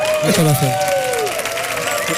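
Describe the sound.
An audience claps steadily throughout, a dense wash of applause with a voice or cheer rising and falling over it near the start.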